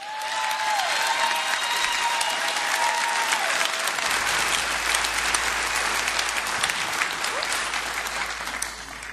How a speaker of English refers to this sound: I heard you guys clapping real loud for St. Albans out there.